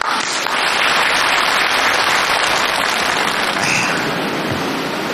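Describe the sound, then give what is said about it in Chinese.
A crowd applauds steadily for about five seconds to welcome a guest from the Peking opera world, a dense, loud wash of clapping with no one speaking over it, holding level throughout. “我们有京剧界的人今天来了，木鱼老师到现场了，大伙儿给鼓掌。”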